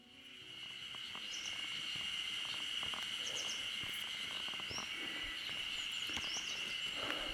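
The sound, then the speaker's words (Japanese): A steady, dense chorus of cicadas drones continuously in early summer at a trailhead of the Utsukushigahara plateau, a bright shimmering buzz filling the air, with faint bird chirps scattered above it and no voices. “初夏のセミシグレです。美しが原高原の登山口に来てます。”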